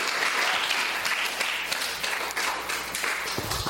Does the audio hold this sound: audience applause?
yes